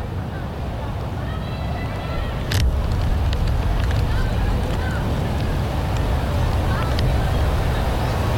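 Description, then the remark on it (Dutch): Strong wind buffets the microphone outdoors at Sportpark de Toekomst, a sports ground where trees are blowing, a constant low roaring rumble that swells slightly partway through and never lets up, with faint indistinct activity beneath it. “En daar is het overleg waar ze dus even buiten de wind staan.”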